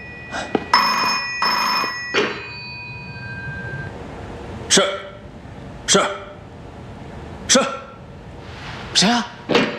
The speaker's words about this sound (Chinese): 接电话去。